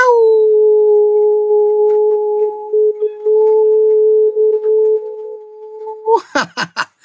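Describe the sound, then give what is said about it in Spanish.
A person imitates a long, steady howl, holding one loud, wavering note for about six seconds before breaking into a few short, choppy yelps at the end. “con el gusto en lo particular de enviarles un gran aullido.”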